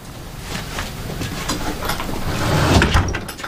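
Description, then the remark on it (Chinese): A door is pushed shut, a rough scraping rumble building to a firmer knock near the end, with no one speaking. “关门。”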